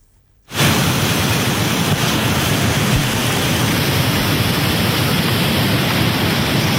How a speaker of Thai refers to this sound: เกิดฝนตกหนักในพื้นที่จังหวัดตราดนะคะทำให้มีน้ำป่าหลากลงมาที่บริเวณน้ำตกคลองแก้วกระแสน้ำไหลเชี่ยวแรงนะคะ